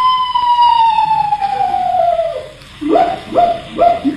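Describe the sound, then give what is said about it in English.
A screech owl calls outdoors at night by a house: a long, high, wavering whistle that slowly slides downward for a couple of seconds, then three short, abrupt hiccup-like notes in quick succession. No talking. “Just a screech owl, Unc.”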